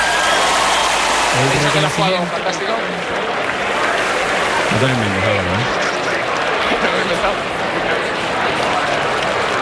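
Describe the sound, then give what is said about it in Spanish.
A tennis crowd's sustained ovation for Roger Federer after his loss to Rafa, a dense, steady roar of clapping and cheering that holds loud throughout, with a man's voice briefly audible over it. “La verdad que la ovación que le están tributando a Roger Federer,”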